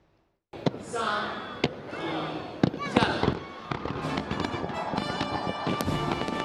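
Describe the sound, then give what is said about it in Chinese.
Fireworks from the National Day fireworks display over Victoria Harbour, Hong Kong, on the night of October 1 boom in sharp, loud bursts every second or so, with dense crackling between them over a steady wash of crowd noise from spectators and tonal music-like hum. “当地一声烟火响彻云霄，市民和游客纷纷抬头，举起手机记录下璀璨夺目的烟花盛会。”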